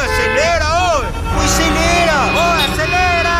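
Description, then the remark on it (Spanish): Dense, loud noise of jammed traffic: a steady engine rumble with rising and falling horn-like tones layered on top, and a murmur of voices in the background. “atascado y el tráfico espantoso.”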